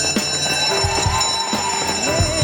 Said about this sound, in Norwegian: Og der ringer klokkene inn til søndagsskolen